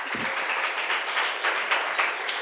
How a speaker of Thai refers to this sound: และนี่ก็คือโฆษณาของทั้ง5กลุ่มนะคะขอเสียงปรบมือให้กับตัวเองหน่อยค่ะ